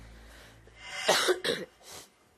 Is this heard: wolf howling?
no